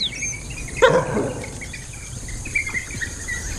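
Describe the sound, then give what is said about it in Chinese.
A single short, harsh yelping call from an African wild dog pack holding its ground against baboons rings out, then fades into a steady background of chirping insects and scattered bird calls. “非洲野犬群丝毫没有退缩，直到更强大的对手出现。”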